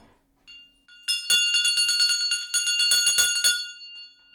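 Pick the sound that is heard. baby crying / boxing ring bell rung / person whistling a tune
boxing ring bell rung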